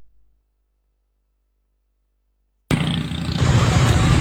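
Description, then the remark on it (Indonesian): After nearly three seconds of silence, dense, steady traffic noise abruptly starts at full volume, a thick, rumbling roar of a street jammed by an accident, with no one speaking. “Kok macet sih? Ada kecelakaan.”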